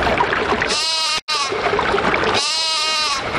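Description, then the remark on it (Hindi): A lamb bleats twice, each cry drawn-out and quavering, fairly loud over a steady rushing background like running water or wind. “एक भोले भाले भेड़ के बच्चे ने उसे रोक लिया।”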